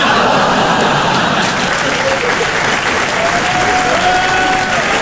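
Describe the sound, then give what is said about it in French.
A crowd applauds steadily, a dense, even wash of clapping that stays loud throughout, with a faint whistle or cheer rising briefly over it. “Non, n'applaudis pas.”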